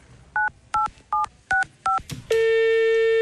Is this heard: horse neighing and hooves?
no